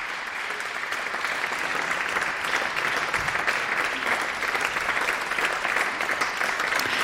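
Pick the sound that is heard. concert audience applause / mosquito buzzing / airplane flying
concert audience applause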